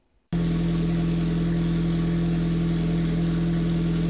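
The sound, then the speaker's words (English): A car engine kicks in abruptly and roars steadily, a loud, sustained low rumble with a strong droning tone that holds without letup. “For the Warner family in Pierce, the roar of an engine isn't just background noise.”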